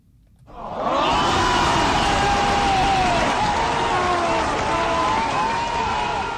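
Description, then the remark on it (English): An audience bursts into loud, steady applause after a brief moment of quiet, the dense clapping mixed with cheering voices and holding strong to the end. “Big applause, and I'm taking you for a journey.”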